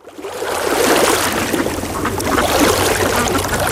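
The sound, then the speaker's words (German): Steady rushing and gurgling of flowing water from a lake, spring or river, fairly loud, with continuous bubbling and splashing texture throughout and no voices. “Hör hin. See, Quelle, Fluss.”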